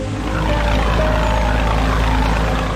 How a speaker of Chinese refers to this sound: 渔船与马达声中前行，不知不觉天色渐渐黑了下来。